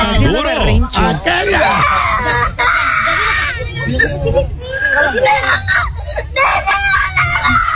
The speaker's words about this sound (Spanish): Oye, pero llorando.